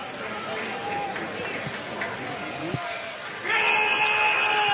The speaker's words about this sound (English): We got our Go Tigers yell guy. He's been quiet this weekend so far.